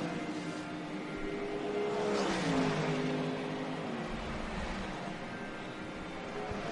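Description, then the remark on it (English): A Ferrari racing car engine roars loudly with a buzzy, harmonic whine that swells and then dips in pitch midway, with no one speaking over it, as the Ferrari accelerates out of the top chicane. “And it's a good run out of the top chicane for the Ferrari.”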